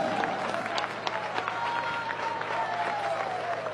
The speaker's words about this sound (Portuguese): Louvemos ao Senhor, louvemos ao Todo-Poderoso. Aplauso forte para Jesus.